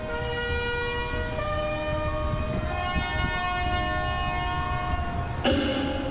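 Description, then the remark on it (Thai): A brass horn sounds the ceremonial signal to prepare the royal salute during a Thai royal barge procession rehearsal, a few long held notes shifting in pitch, loud and steady over a rumbling background, with no talking. “อีกทางนึงเสร็จสิ้นเสียงแตรเป่าตรงเตรียมถวายบังคมทันที”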